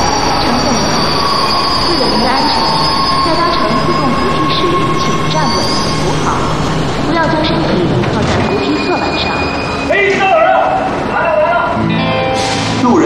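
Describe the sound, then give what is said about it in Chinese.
A Tianjin Metro subway train rumbles steadily along the rails, its wheels letting out sustained high-pitched squeals throughout, loud, with a brief surge of noise near the end. “乘客您好，欢迎您乘坐天津地铁。”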